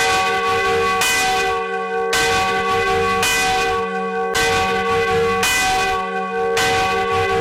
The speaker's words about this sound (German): Und da geht's zur Annenglocke. Die läutet in der Schlosskirche im Leipziger Stadtteil Lütschena.